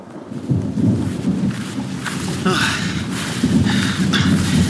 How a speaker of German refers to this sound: Oh. Nicht auch noch ein Gewitter? Bitte nicht.